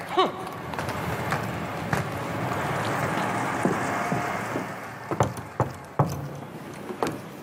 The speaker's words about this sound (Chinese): 听见没有？多么正常不过的敲门。